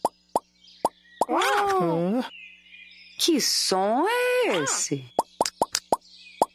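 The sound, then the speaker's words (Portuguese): Toy bubbles pop in sharp little plops, scattered at first and then in a quick cluster of about a dozen near the end, with a voice speaking between them. “São as bolhas do pico.”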